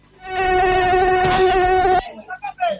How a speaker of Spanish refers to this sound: Esos son los mosquitos que andan dando vueltas acá. Me estaba por pegar un sopapo en la oreja y decía que era el sonido nomás.